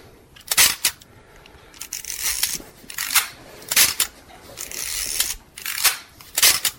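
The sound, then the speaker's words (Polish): A film SLR camera fires its shutter with sharp mechanical clicks, each followed by a ratcheting film-advance wind, repeated several times in a steady shoot-and-wind rhythm with no talking. “Czuję to jak robić zdjęcie Zenit.”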